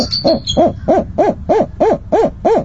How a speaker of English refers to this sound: Even feeding time is carefully choreographed to convince the babies they're still being raised by birds, not people. Sometimes that means staff members hide behind camouflage while adult bird calls echo through the room.